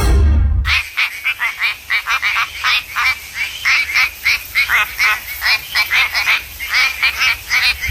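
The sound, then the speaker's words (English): A quacking frog from Western Australia calls over and over, short duck-like quacks in a quick, steady rhythm, loud, with no voices, after a brief thump at the start. “This is the quacking frog from WA.”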